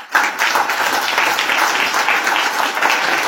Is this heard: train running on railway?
no